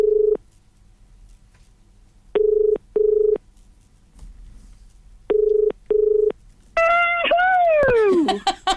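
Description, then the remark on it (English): A phone call to get a listener into a prize draw rings out over the line: steady electronic ringback tones in double bursts with pauses between, before someone picks up and a voice begins loudly at the end. “And making those very important phone calls today, trying to get everybody in the draw, as many as we can”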